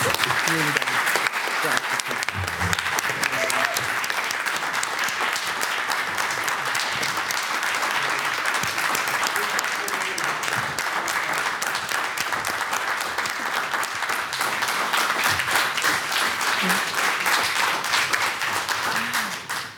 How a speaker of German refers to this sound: Und ich bitte jetzt um einen ganz herzlichen Applaus für Jörg Wittmann, der uns jetzt leider verlassen muss.